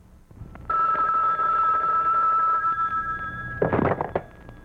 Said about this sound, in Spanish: Conteste el teléfono